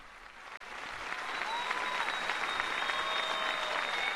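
A large crowd applauds steadily during Pope Leo's visit to the diocese in Tenerife, dense clapping swelling slightly and holding at a loud level throughout, with faint cheers and a few voices rising over the ovation.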